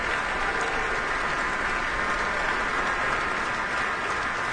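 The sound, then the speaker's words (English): Sustained applause from a large concert audience for the orchestra's entire woodwind section, a dense, even wash of many hands clapping at steady loudness throughout, with no voices over it. “Let's see, now a round of applause for the entire woodwind section.”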